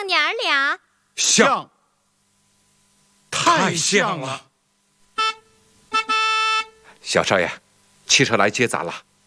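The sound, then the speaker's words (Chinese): A car horn sounds twice, a short toot followed by a longer steady honk, as a car arrives to take people home, set between bursts of people talking before and after. “小少爷，汽车来接咱了，咱该回家了。”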